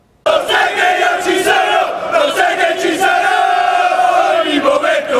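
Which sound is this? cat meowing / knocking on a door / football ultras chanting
football ultras chanting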